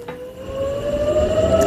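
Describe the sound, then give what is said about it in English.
A loud, steady air raid siren wails and slowly rises in pitch in Israel, warning of a new wave of missiles launched from Iran, with a wide outdoor echo and low rumbling background noise; no voices are heard. “Sirens sounded in Israel earlier as the military there said it identified a new wave of missiles launched from Iran towards Israel.”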